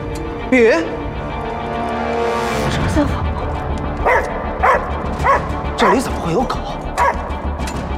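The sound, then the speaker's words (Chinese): A dog barks repeatedly: one sharp bark early, then a run of loud, irregular barks in the second half, over a busy background with voices. “把你的狗牵住了”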